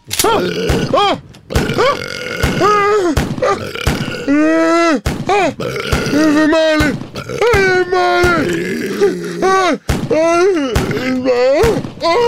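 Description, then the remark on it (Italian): A rapid barrage of loud, comical burps, one after another with wobbling, pitch-bending tones, punctuated by sharp percussive revolver shots fired into a chef's face during an ambush. “Lo chef Pentolaccia viene raggiunto da tantissimi rutti buffi e revolverate in volto.”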